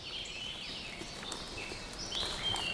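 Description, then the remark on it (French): Several birds sing at once in a forest, a soft, steady chorus of high, thin whistles and trills that overlap continuously, with no voices present. “L'orchestre des oiseaux enchante notre”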